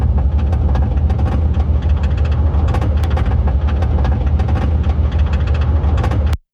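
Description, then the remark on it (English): A car engine runs rough and loud, with a steady low drone and constant clattering, rattling clicks throughout, like a ratcheting chain, before cutting off abruptly. No voices. “It sounds like I'm going up a roller coaster.”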